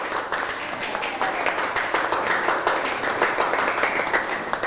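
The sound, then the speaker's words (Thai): A room full of children clapping together for classmates after a quiz answer, a dense, steady patter of many hands lasting several seconds, with some faint voices mixed in under the applause. “เรามาดูกันคำตอบก็คือแหล่งโบราณคดีบ้านเชียงปรบมือให้เพื่อนนะครับ”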